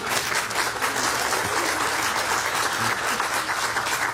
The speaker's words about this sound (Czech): Tady máte potlesk, to zaslouží potlesk celého publika, myslím.